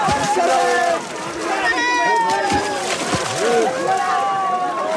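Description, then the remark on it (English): A large crowd of villagers shouts and cheers excitedly over the churning slosh and splash of many people stepping together into a spring to catch fish at an annual village fish festival, the voices loud, overlapping and continuous throughout. “Be patient, chants a man amid the excited crowd as the year-long wait is finally about to end before they jump into the waters to try their luck.”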